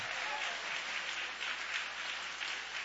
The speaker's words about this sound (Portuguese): Então aplaude e exalte ao nome de Jesus com alegria. Aleluia!